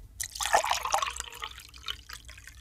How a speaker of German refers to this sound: Wenn man eine Tasse mit Wasser füllt, dann kann man nur am Geräusch erkennen, ob das Wasser heiß oder kalt ist.